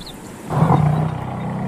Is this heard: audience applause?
no